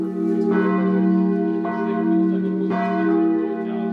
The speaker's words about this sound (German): Jetzt läuten die geretteten Glocken mitten auf dem ehemaligen Todesstreifen in einem Holzgerüst.